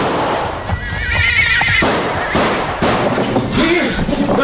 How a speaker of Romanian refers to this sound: de ce ai tras?